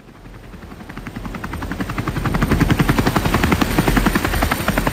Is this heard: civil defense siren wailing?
no